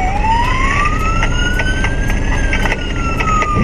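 A loud police siren wails continuously during a Speed group police chase of underage riders on electric motorcycles in Rybnik, its pitch slowly rising and falling, over a steady rumble of engine and road noise with faint rhythmic clicks. No one speaks.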